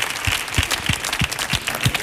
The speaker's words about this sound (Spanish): Que estamos aquí locos porque venga un día, así que vamos a mandarte este aplauso fuerte para ….